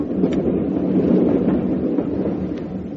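A train runs steadily on rails, a continuous, fairly loud low rumble with a few faint clicks and rattles over it and no voices.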